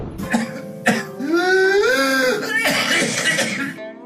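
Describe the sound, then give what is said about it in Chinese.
A couple of sharp coughs are followed by a long, high-pitched crowing whoop on the in-breath, then another rough, strained coughing gasp: the whooping cough of pertussis. The sounds are loud, with no talking. “有点像鸡鸣一样，所以我们称之为鸡鸣样的咳嗽。”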